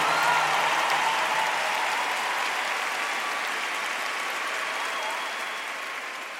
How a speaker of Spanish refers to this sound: Por favor, denle un aplauso a la persona más especial, nuestro Señor Jesús